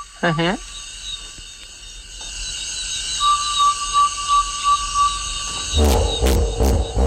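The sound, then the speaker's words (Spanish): Hippopotamus calling at night: a steady chorus of crickets and insects, then a burst of loud, deep, honking grunts in quick succession near the end. “Y no había visto hipopótamos, o sí, a mi manera, madre de mía. Oídas.”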